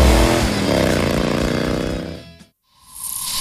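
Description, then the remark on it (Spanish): A loud motorcycle alarm blares with a harsh, buzzing wail that shifts in pitch, cuts off abruptly, then resumes as a steadier tone. No one speaks. “Alarma de moto.”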